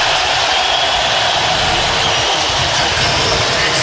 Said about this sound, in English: Listen to the crowd here. This is unbelievable. Nebraska's starters being announced, and we'll let you listen and imagine it in your mind's eye.